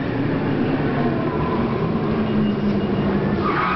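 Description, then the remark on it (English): A car without anti-lock brakes (ABS) brakes hard and skids, its tires letting out a long, steady rumbling screech mixed with heavy road noise, loud for several seconds without letting up. “Okay, let's try it again, this time with the anti-lock brakes.”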